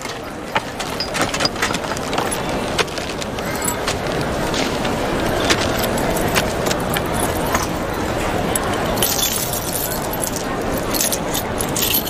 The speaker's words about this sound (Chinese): 哎，那个，我这不要出远门嘛，我家里的钥匙我就全部带上了。 你们家里多大呀？这么多门吗？